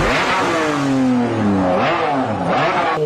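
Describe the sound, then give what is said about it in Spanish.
A Formula 1 race car engine screams as it accelerates, its pitch climbing and dropping through a few quick gear shifts. Loud, with no voices. “Se da la salida y los cientos y cientos de participantes echan a correr tan rápido que parecen coches de Fórmula 1.”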